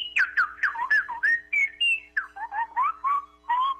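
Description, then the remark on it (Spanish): A woman, a teacher calling in by phone, whistles a rapid, twittering goldfinch-like song: about fifteen quick chirps and trills that swoop up and down in high pitch, clear and fairly loud, with no talking over it. “¿En dónde aprendió a chiflar así tan bonito?”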